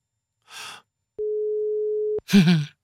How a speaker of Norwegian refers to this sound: Du må ta den i løpet av tre ring her. Ja. Og du er heldig, for forrige uke så ga vi deg bare to ring.